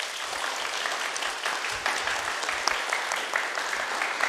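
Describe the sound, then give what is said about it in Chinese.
Sustained applause from an audience, a dense, even crackle of many hands clapping steadily throughout with no voices over it, welcoming Kang Qi, the 20th performer of Yingniang in the dance drama Silk Road Flower Rain. “接下来，让我们掌声请出康琪老师，有请。”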